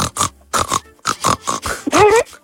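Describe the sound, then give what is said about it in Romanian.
A person imitates a pig, making a quick series of loud grunting snorts that end in a high, rising squeal. “Fă ca un porc acum.”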